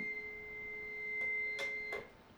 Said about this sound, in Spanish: Estamos por acá escuchando el teléfono, oiga eso. ¿Ya escuchó usted el teléfono? Está ahí, está. Está el teléfono.